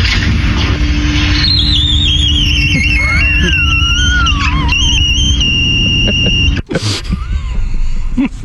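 A glass door squeaks along the floor with long, high, wavering squeals that slide up and down for several seconds, then shuts with one sharp thud, over a steady low rumble.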